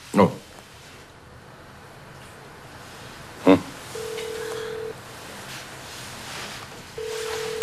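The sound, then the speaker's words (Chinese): A phone is dialed to call someone's mobile phone, with a couple of soft taps, then a steady ringback tone sounds in one-second bursts with a pause between them, clear over faint background noise. “请用你的电话拨一个。”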